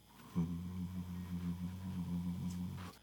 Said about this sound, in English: I hear the fridge hum.